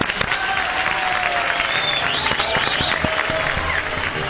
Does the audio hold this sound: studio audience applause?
yes